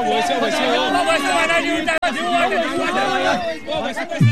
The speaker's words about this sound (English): along with children, cheer as they gather along the banks of the spring